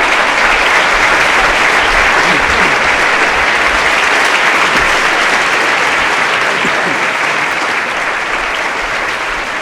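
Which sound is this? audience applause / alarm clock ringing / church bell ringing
audience applause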